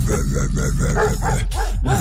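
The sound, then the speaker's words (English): A dog named Polly barks and yips in a quick run of short, loud bursts, about half a dozen in two seconds, with a low rumbling background underneath. “Are you barking?”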